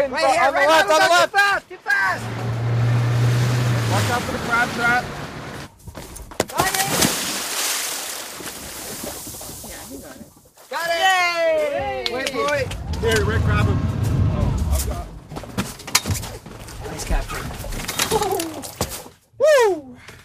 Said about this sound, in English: That is the glorious sound of a scientist jumping into the water to grab a turtle for monitoring. A process that sounds a little bit like the turtle is being mugged, but apparently it is way less likely to cause harm to it than using nets.